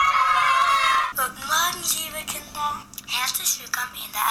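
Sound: school bell ringing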